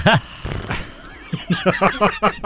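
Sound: horse neighing sound effect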